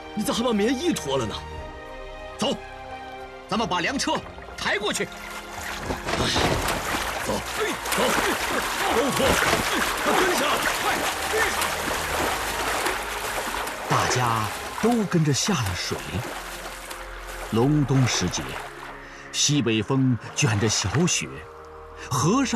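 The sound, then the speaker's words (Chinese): Continuous splashing and sloshing of people wading through a river about 20 meters wide in midwinter, carrying a grain cart across, with light snow falling and thin ice floating. The splashing is loudest in the middle stretch, with several voices calling out over the churning water. “大家都跟着下了水。”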